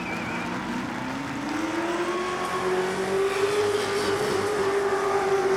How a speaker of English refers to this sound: Listen to that V8 scream. I just wanted to soak in it for a minute.